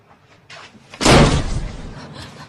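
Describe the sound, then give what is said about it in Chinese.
A door is burst open without knocking with a loud, sudden slam, preceded by a brief rattle of the latch, and the heavy thud lingers and fades as the door settles. “那对不起了，刚才忘敲门了。我可以进来吗？”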